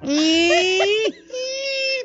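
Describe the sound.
A voice imitates the kitchen door creaking as it swings open: a loud, squeaky drawn-out tone that slowly rises in pitch, a brief pause, then a second, steadier high creak. No other sounds accompany it.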